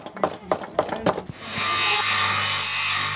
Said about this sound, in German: Ja, sägen, schnitzen, hämmern und schleifen. Die Kinder konnten sich an verschiedenen Stationen ausprobieren.